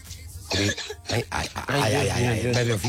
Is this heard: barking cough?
yes